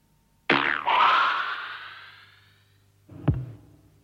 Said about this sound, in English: The actual release of the arrow is the sound of a thick elastic band being plucked.